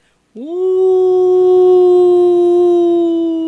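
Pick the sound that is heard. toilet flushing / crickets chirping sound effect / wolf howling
wolf howling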